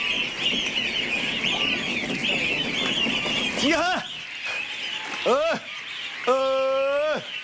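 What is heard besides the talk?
geese honking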